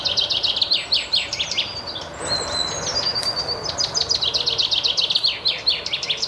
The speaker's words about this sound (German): Besonders im Blick stehen dieses Mal die Finken. Doch wie klingen eigentlich Finken?